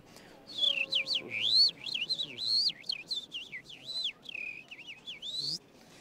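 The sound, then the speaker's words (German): A person whistles an imitation of a lark's song with modulated whistling: a rapid, warbling stream of high, swooping notes that rise and fall continuously for several seconds, fairly loud, with no talking. “Das klang so ähnlich wie eine Lerche, aber es gibt zum Beispiel auch die Technik, mit den Händen zu pfeifen.”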